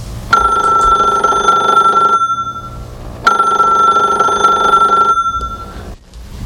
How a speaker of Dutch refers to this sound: Telefoon.